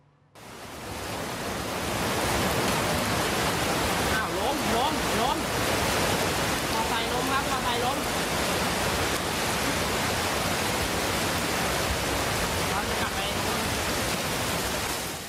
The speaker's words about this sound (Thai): ฝนตกหนักจริงๆแล้วก็ต่อเนื่องเป็นชั่วโมงทำให้ในพื้นที่พัทยาหลายจุดโดยเฉพาะถนนสายหลักน้ำท่วมสูงเป็นเมตรนะครับ